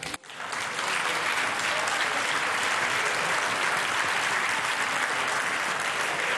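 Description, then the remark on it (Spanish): Sustained, dense applause from his own party's members for Mr. Bolaños fills the Senate chamber in Spain. It starts abruptly and holds steady and loud throughout, with no clear voices rising above the clapping. “Señor Bolaños, que no le confundan los aplausos, que solo se los dan los suyos.”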